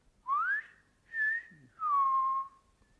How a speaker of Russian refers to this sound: А он уселся рядом и стал негромко насвистывать.